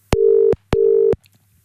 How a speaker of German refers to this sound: Probieren wir es doch gerade mal, ob wir sie zurückrufen können. So, was drücke ich denn jetzt hier? Da drücke ich mal da drauf, dann da drauf und dann klingelt es. Und ich hoffe, sie geht dran.